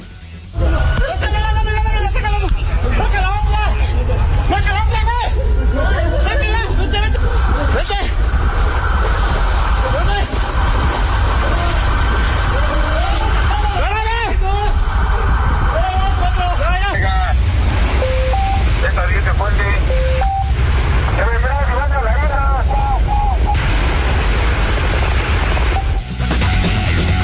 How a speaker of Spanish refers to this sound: Escuche usted, este es el momento en que los policías rescatan a un conductor que de plano quedó atrapado su vehículo en un bajo puente en la ciudad. Impresionante la lluvia el día de ayer, las inundaciones, las afectaciones, el tráfico, etcétera.